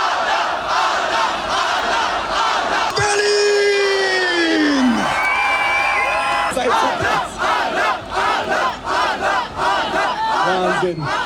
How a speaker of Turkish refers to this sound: Maratonu 123 saat 21 dakika 10 saniyede tamamlayan Red Bull sporcusu bitiş çizgisinde binlerce kişi tarafından alkışlarla karşılandı.